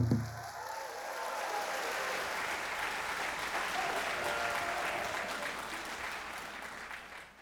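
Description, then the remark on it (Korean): Sustained audience applause, a dense steady patter of many hands clapping at an even level for several seconds before trailing off slightly at the end. “박수 치고.”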